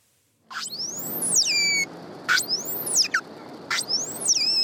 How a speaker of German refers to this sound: Die unterschiedlichen Rufe der Grindwale sind für sie überlebenswichtig. Die Tiere leben in engen sozialen Gruppen. Sie müssen mit anderen Artgenossen also kommunizieren und sich auch nach stundenlangen Tauchgängen wiederfinden können.